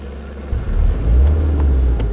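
Deep rumble of police patrol car engines pulling away over grass after a police raid at a camp in Carinthia, rising from a quiet start into a steady low drone, with no voices present.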